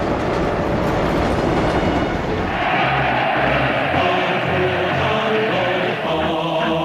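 A train rolls steadily along the railway built beside the Min River, loud, its continuous rumble and faint clatter filling the scene, with a low droning hum rising partway through. No one speaks.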